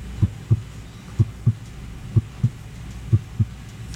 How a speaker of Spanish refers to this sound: Todo estaba en silencio. Un silencio tan profundo que podía escuchar los latidos de su propio corazón.